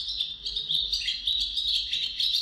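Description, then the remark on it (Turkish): A Eurasian magpie calling with a steady stream of high, chattering notes, continuous throughout, with no voices present; recorded in Ankara by Kenan Çağlayan Kaya. “Saksağını Kenan Çağlayan Kaya Ankara'da.”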